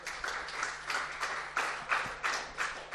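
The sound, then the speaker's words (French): An audience applauds the young women steadily, a dense wash of many hands clapping with faint rhythmic swells running through it, moderately quiet and with no voices over it. “On applaudit les jeunes filles, évidemment.”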